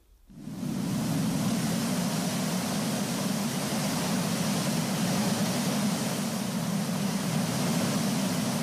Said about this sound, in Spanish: ¿Te esperabas un canto regional? Pues no, esto es el sonido del mar.